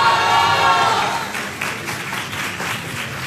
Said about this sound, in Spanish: para quien también pido un fuerte aplauso, por favor.